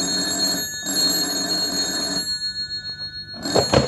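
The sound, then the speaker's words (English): A telephone bell rings at Marsh Estate in two bursts of rapid, metallic trilling with a short pause between, loud, followed by a brief clatter as if the receiver is picked up. “At Marsh Estate a few days later, the phone rang.”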